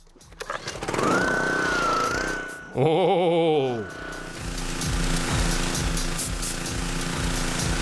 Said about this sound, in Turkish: Dışarıda temizlik yapmak için basınçlı bir yıkayıcıdan daha iyisi yoktur. Mesela bunun gibi. 2500 PSI'lık bu makine her şeyi temizliyor.